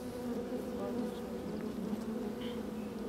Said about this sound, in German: Im Sommer besteht ein Volk aus rund 40.000 Bienen. Jeden Tag schlüpfen hunderte neue Arbeiterinnen.